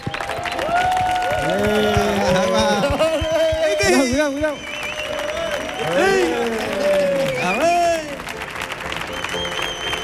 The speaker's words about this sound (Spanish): Bueno, fuerte el aplauso para Mark Lenders, por favor.